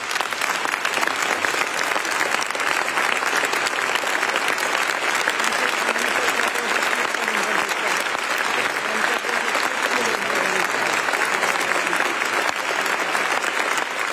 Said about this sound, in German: Applaus für Bischof Stefan Oster.